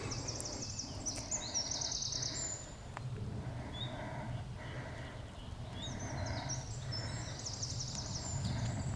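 One of the smallest local birds, a songbird with a very loud voice, sings rapid high-pitched trills and chirps in repeated bursts over a steady low rumble of outdoor background noise, at a rest area along the Buchensteig trail in Kalkalpen National Park.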